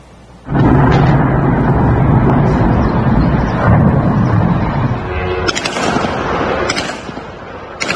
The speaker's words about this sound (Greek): Διελιστήρια τυλίγονται στις φλόγες στην Αγία Πετρούπολη της Ρωσίας. Οι εκρήξεις είναι συνεχείς, καθώς μαύροι καπνοί εξαπλώνονται για χιλιόμετρα.